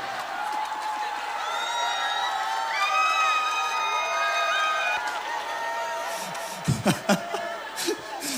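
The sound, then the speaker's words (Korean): A concert audience applauds and cheers in a dense, steady wash while the singer stops to drink a sip of water, with high shouts and whoops rising above it, then a few sharp thumps break through near the end. “먹을수록 갈수록 그 박수가 커지네.”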